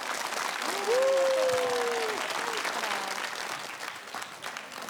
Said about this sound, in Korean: 여러분 큰 박수로 맞이해 주시면 감사하겠습니다.